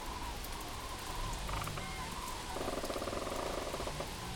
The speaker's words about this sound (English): You can maybe hear it in the lowering of the volume of the background noise. Quite a nice view here, apart from the gray skies, surrounded by a stand of birch trees with their autumn colors on. The sound of the rain.